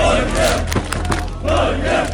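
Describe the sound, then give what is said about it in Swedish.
A dense crowd of football fans roars and chants loudly in the streets of Oslo, Norway, at night, celebrating Norway's 3-2 win over Senegal, voices surging in waves with scattered sharp whoops and shouts over a constant low rumble of celebration. “Det var full fest och stormande jubel i Oslos gator efter att Norge slog Senegal 3-2 i natt.”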